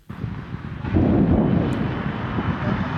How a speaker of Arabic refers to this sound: العاصمة اليمنية صنعاء ودوي انفجارات قوية مصحوبة بتصاعد دخان من جراء تعرضها لغارات، وفقا لوسائل إعلام حوثية التي أضافت أن القصف استهدف أيضا شبكة اتصالات في صعدة معقل حركة أنصار الله الحوثية في شمال اليمن.